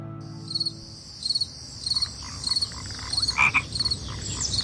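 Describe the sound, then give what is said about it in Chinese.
Frogs croak in short, regular bursts about every half second, layered over a steady, high-pitched chorus of chirping insects, at the start of summer (the Lixia solar term in China). The calls are moderately loud, and nobody speaks. “楼郭鸣，蚯蚓出，王瓜生，苦菜秀，楼郭开始聒噪着夏日来临”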